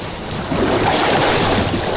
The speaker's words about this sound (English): It was an impossible swim. And the waves rode me into the rocks.